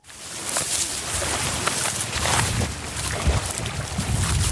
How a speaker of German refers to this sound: Der Wind fährt durch das Goldgelb der Schilflandschaften, die das tiefblaue, schier endlos weite Wasser rahmen.